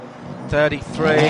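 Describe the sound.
A Honda race car engine revs hard as it pulls away from the pit, picked up on a pit microphone, its high whining pitch climbing in two loud surges, with a voice talking underneath.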